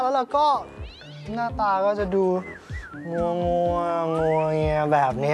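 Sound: cat yowling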